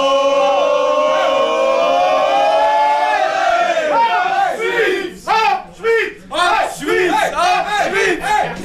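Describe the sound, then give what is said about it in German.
A crowd in the small town of Brunnen, Switzerland, lets out a loud, sustained collective optimistic cheer for Switzerland that rises and then breaks into rhythmic chanted bursts of cheering, many voices shouting together. “Wir probieren noch schnell zu ringsherum einen Optimismus-Schrei, ein Hopp-Schweiz oder eine Welle zu schicken.”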